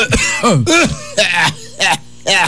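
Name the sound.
strong cough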